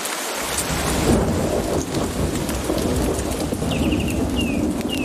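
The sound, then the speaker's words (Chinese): A thunderstorm sweeps a Costa Rican jungle, with heavy, steady rain pouring down and a low rolling rumble of thunder beneath it, with a few short, high bird chirps breaking through near the end. No one speaks. “暴风雨席卷哥斯达黎加的丛林，浸润了这里所有的生灵，包括黑美洲鹫。”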